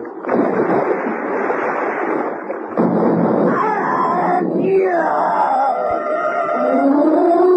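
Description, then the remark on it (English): A loud, rumbling roar like heavy cannon fire fills the first few seconds, then gives way to rising and falling wailing tones over a continuing noisy din. “As I backflipped over the gunwale and into the water, I thought I heard the roar of a heavy weapon, like an old-fashioned cannon.”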